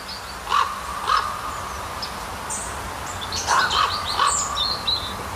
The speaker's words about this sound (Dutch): de roep, of misschien wel de communicatie van een raaf. Ik hoor twee tonen. Dat heeft vast een betekenis,